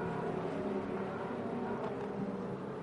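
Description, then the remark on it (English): A race car engine drones loudly and steadily for a few seconds, a dense, buzzing roar with layered harmonic tones, as the CrowdStrike car pulls away out of the pits after refuelling. “It's 7 seconds and counting, and off and away goes CrowdStrike.”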